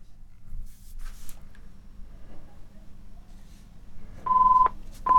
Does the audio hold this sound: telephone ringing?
yes